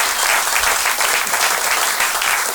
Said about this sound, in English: Well-merited applause